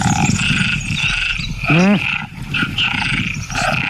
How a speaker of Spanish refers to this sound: Batracios, grillos. Sí, muy bien. Batracios, ranas. Ahí, muy bien. Ranas.